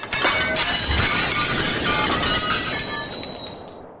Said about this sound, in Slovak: Čo chvíľa sa všetci kolzali po podlahe z jednej strany na druhú. Tento zmetok navyše sprevádzal strašný hrmot padajúcich tanierov a príborov.